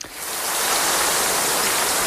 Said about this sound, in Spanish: Sí, la escuchamos ahora y la escuchábamos en la crónica anterior. La lluvia llega como agua de mayo cuando un incendio acecha, pero complica y mucho la vuelta a la normalidad.